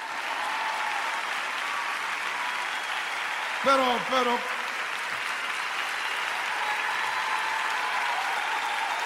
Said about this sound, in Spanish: ¿Pueden aplaudir?